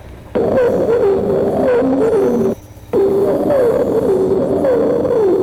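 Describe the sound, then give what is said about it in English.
A bird sings two long, loud phrases of low, wavering whistled notes that rise and fall in pitch, separated by a brief pause, with no talking. “As I mentioned earlier, as he builds up his song, he also varies.”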